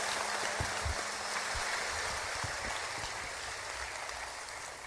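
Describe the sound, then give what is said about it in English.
A crowd claps steadily for the tour's lighting, stage and sound crews, a dense, even wash of applause that holds its level for the whole stretch, with no voices breaking through. “Y'all give them all a nice round of applause.”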